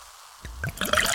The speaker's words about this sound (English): Listen to that endless pour. Pure refreshment. If it sounds this good, just imagine how it tastes.